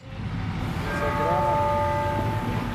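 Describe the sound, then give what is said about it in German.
Steady outdoor city-square ambience with a low crowd and traffic rumble on the square in front of the Sagrada Familia in Barcelona, by the metro exit at the Nativity facade where a small cluster of people has gathered, joined after a second by sustained, ringing church-bell tones that hang over the noise. “Der Platz vor der Sagrada Familia in Barcelona. Am U-Bahn-Ausgang bei der Geburtsfassade hat sich eine kleine Traube Menschen angesammelt.”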